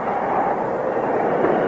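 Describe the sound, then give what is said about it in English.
A loud, steady hissing rush of a train's air brakes being pulled, sustained and unbroken for the whole moment, with no voices over it. “The brakes. Somebody pull the air brakes.”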